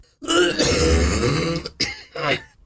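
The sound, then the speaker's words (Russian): A loud, deliberate cough: a long, raspy, throaty build followed by two short, forceful bursts, with no talking around it. “Вы сдерживаете сколько-то секунд или даже минут, чтобы смачно, звучно кашлянуть.”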